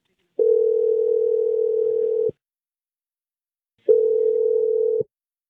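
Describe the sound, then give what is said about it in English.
A telephone line tone while a call is placed: a steady, clear electronic hum sounds for about two seconds, falls silent, then returns for a shorter stretch, with no voices. “We'll find out what's really going on with him if he picks up the phone, but I'm going to dial it right now.”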